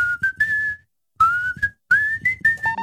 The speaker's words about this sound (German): und da wird gepfiffen.